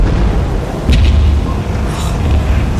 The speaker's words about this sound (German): In diesem Augenblick dröhnten 2 weitere Schüsse über das Wasser.